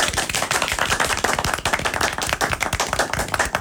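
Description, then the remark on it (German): Loud applause for the live audience at the close of a show, a dense, continuous patter of many hands clapping at once with sharp overlapping claps throughout, no voices audible. “Deswegen mach nochmal einen Riesenapplaus für unser Publikum!”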